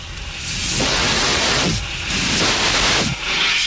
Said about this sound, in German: Den mobilen Kohlendioxid-Handlöscher benutzen.